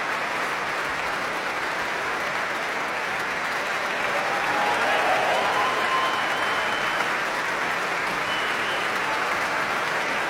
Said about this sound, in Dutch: En dit applaus is voor Ad Willeman, Raymond Rook en Johan Verheij, de trompetisten van het Radio Philharmonisch Orkest.